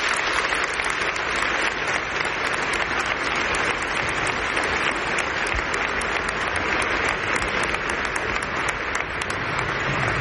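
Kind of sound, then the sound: crowd, audience applause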